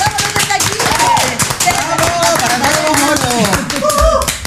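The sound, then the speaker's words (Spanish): A burst of applause, dense rapid clapping from a small group, steady and fairly loud throughout, with several voices talking and cheering over it. “Un aplauso.”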